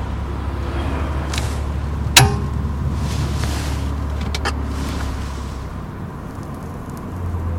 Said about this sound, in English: Look at all this traffic. I'm not sure I can deal with it. It's much worse now.